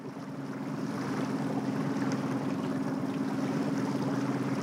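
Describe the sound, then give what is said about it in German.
A small former East German (DDR) training boat's engine drones steadily while it moves through harbour waves toward the icebreaker Stefan Janssen, water splashing and churning against the hull, a continuous rushing wash with a low motor hum underneath, no voices. “Guck mal, jetzt kommen Wellen.”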